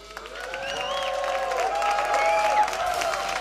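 A concert audience applauds the band's trumpet player steadily, dense clapping holding at an even level throughout, with a few voices whooping and calling out over it.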